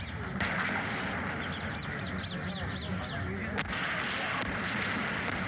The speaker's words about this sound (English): Those are sounds of bombs. That's the attack happening. This is the beginning of the attack.